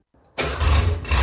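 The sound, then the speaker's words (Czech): A classic car engine cranks briefly and low, then catches and bursts into a loud, rumbling roar that keeps running steadily. No one speaks. “Tohle je zvuk, který nestárne.”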